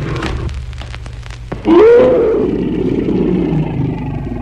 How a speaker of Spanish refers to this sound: Hombre y bestia rodaron por el suelo confundiéndose entre sí. Luego el tigre lanzó un rugido ahogado de muerte.